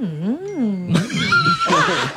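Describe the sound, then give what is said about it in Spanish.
A person imitates cows talking to each other by mooing: a low, wavering hum swells and dips, then breaks into rougher, louder bellowing moos, without any other sound around it. “Ay, no, así como ¿cómo hablan las vacas? Así.”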